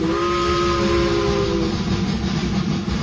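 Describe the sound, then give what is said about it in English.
A steam train in Northern Ontario rumbles loudly and steadily, with a sustained whistle blowing over the chugging for about the first second and a half before fading out, leaving the heavy, hissing roll of the train. “The steam trains delivered food, medicine, and occasional news from the outside world to Northern Ontario.”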